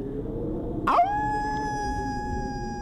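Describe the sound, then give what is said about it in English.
A person imitates a wolf howl: the voice swoops sharply upward, then holds one long, steady, fairly loud tone over a low background rumble. “Pretend you're a wolf howling.”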